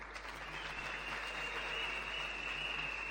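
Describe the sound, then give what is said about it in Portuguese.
Sustained audience applause for former presidents of the National Youth Council, a dense steady wash of many hands clapping at an even loudness for the whole stretch, with no voices rising above it. “senhores antigos Presidentes dos Conselhos Nacional da Juventude, que eu queria para poderem se levantar, é uma grande salva de palmas.”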